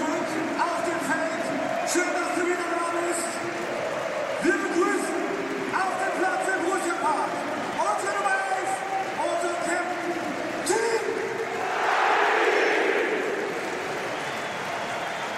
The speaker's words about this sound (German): Nochmal ein richtiger Gänsehautmoment hier zum Ende dieser Saison. Ihr hört immer noch den Jubel auf den Rängen. Es ist kein Tor gefallen, es war eine Einwechslung.